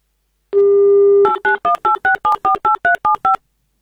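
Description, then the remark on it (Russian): A loud, steady telephone dial tone hums for under a second, then about eleven quick two-tone keypad beeps follow in an even rhythm as a number is dialed to call a game contestant from Krasnodar Krai live on Avtoradio. No voices. “Ну что же, давайте с вами и будем тогда звонить.”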